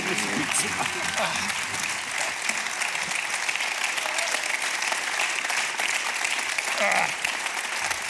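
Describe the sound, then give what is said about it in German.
Sustained audience applause in Linz for journalist Hans Bürger, a dense, steady wash of many hands clapping at an even loudness throughout, with faint voices and murmurs mixed in beneath it. “Applaus, Hans Bürger.”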